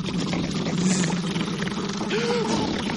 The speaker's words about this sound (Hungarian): Sajó bácsi, a tanya gazdája, és Gyöngyi néni már ülnek is be a vacak kis traktorukba, és pöfögnek el fele.